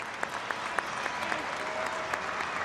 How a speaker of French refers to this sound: Et évidemment, on va applaudir la joueuse britannique vers la sortie à 1:20 de la fin de cette rencontre.